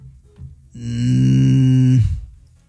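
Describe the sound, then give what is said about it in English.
A person imitates a donkey bray with one long, loud, droning call held for over a second, alone with no talking, then cutting off abruptly. “Donkey line three.”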